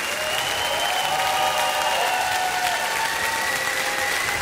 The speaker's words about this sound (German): Einen fantastischen Applaus an die beiden Solistinnen, … und ….